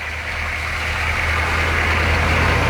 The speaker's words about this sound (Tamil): அடுத்த நாள் சூரியன் உதிக்கும் முன்பே ஒரு லாரி வந்து நின்றது.